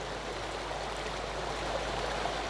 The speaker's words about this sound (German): Wasser fließt.